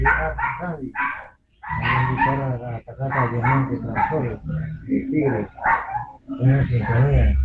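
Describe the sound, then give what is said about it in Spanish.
A dog barks repeatedly in short, loud bursts, mixed in with a caller talking over a phone line to request a song; the barking nearly drowns out the caller's voice. “Que más se oye el perro que el que está pidiendo el disco.”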